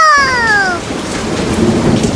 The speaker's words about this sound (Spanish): Se desató una tormenta fuerte, fuerte como la de ahora, como la que estamos teniendo ahora en este momento.